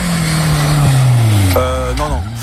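A loud racing car engine roars steadily, its pitch sliding downward before climbing again in quick revving bursts, as if shifting gears.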